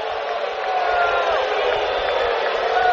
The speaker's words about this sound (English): Crowd didn't like that call, but the Cardinals did not challenge.